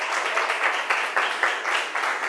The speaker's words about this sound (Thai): ค่ะถือว่าถูกต้องนะคะเก่งมากๆเลยปรบมือให้กลุ่มที่สองอีกหนึ่งครั้งค่ะ